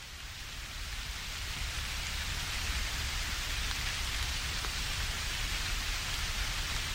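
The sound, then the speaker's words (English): Heavy rain pours down on a mountain trail in the Sierra Norte, Mexico, in a dense, unbroken hiss, with countless drops pattering on surfaces. Steady throughout, with no voices. “When the rain begins to fall a little harder, I turn around.”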